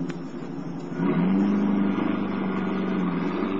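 A car engine roars to life after a second and revs up as the driver pulls away as fast as allowed, its pitch rising as it accelerates hard, staying loud with a steady rumbling drone.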